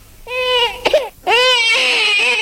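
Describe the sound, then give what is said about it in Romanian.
A baby, just woken and freshly changed, wails in two long, high-pitched bursts separated by a brief catch of breath, loud, with a strained, tonal quality and no other voices. “L-am schimbat, dragă, tot plânge.”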